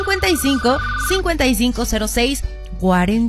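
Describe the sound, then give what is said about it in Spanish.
A call-in phone line rings with steady electronic tones, partly buried under a man's continuous, fairly loud talking. “Así que respondamos al llamado sabroso. ¿A quién tenemos?”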